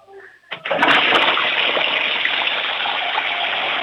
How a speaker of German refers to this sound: Ich möchte die Klospülung natürlich hören, weil das wollen ja alle herzeigen in dieser Sendung. Ich hoffe, ihr habt eine laute Klospülung.